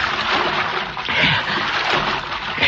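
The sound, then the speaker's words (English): Continuous sloshing and splashing of water as a man wades back along a creek bottom at night in spotty moonlight, fairly loud, with irregular surges as each step churns the water. “as he backtracked along the creek bottom in the spotty moonlight.”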